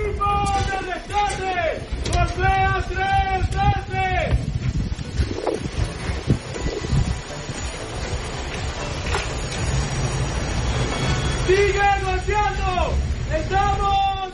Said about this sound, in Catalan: Són els crits dels equips de rescat buscant supervivents sota la runa del terratrèmol, del doble terratrèmol de la setmana passada.